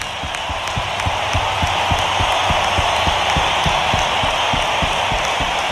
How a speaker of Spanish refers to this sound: Vamos a darles un aplauso nosotros a ustedes.